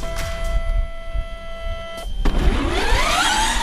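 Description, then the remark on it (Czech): A driverless, student-built electric formula race car whines past on a winding test track marked with blue and yellow cones, its motor pitch rising and sweeping as it accelerates through turns, preceded by a steady high electronic tone and a couple of sharp clicks; no one speaks. “Studentská elektrická formule E-Force Prague projíždí klikatou zkušební trať vymezenou barevnými kužely.”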